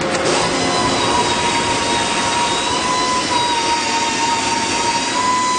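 Loud, unbroken roar of steel factory machinery at the Canam group plant in Saint-Gédéon, a dense wall of noise with steady high whining tones running through it and no one speaking.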